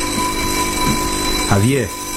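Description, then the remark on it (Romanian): A telephone rings with a steady, continuous tone through the whole moment, fairly prominent, while a person speaks briefly over it near the end. “te rog, vrei să răspunzi la telefon? Aparatul”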